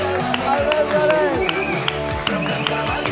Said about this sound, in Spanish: ¡Un aplauso para